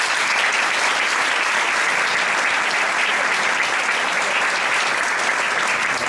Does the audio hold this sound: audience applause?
yes